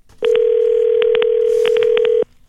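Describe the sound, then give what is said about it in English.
A loud, steady telephone dial tone hums for about two seconds while roughly ten quick keypad beeps are punched in, in uneven clusters, before the tone cuts off. No one speaks. “This is Ira Glass of This American Life, and an email came into our office this week from a listener urging me to make a phone call.”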